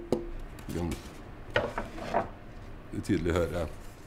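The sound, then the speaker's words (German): Knocking on a piece of spruce wood, alongside slow-growing, dense Norwegian wood used for instruments: a few irregular hollow raps, each leaving a short, resonant ringing tone that fades quickly, spread out across a few seconds with quiet gaps between them. “Alles klingt unterschiedlich, wenn man dagegen klopft. Diese hier klingt so.”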